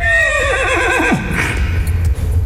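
A horse named Fırtına gives a loud, quavering whinny that wavers up and down in pitch for about a second, then drops off, leaving a steady low rumble of background noise.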